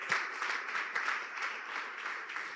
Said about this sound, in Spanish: De ese aplauso, déselo, déselo. Aleluya.